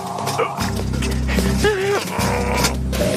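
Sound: dog panting and whimpering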